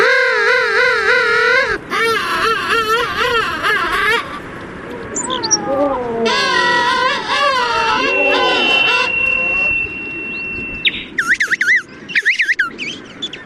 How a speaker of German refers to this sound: Aber naja, bislang hat er noch nicht so richtig viel zu befürchten, der Königspinguin, der Bilderbuch Schöne Vogel, der uns ein wenig in den Winter geleitet, nicht wahr?